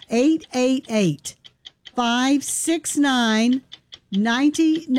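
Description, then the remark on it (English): A countdown clock for a radio pledge drive ticks steadily at a brisk, even pace, its faint clicks showing in the gaps between loud, pitched vocal sounds that sweep up and down over it. “And that clock starts now.”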